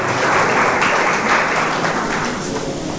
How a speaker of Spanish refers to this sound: ¿Cuántos dicen amén? Dale un fuerte aplauso al Rey, porque esta es su palabra, esta es su promesa para cada uno de nosotros.